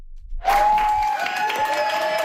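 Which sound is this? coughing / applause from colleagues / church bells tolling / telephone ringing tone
applause from colleagues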